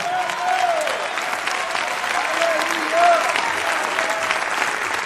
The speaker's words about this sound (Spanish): Si usted es parte de esa promesa, dale un fuerte aplauso al Señor ahora.